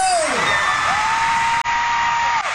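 A huge crowd cheers loudly and continuously, with shrill whoops and screams rising and falling above a dense wash of noise, filling the space throughout.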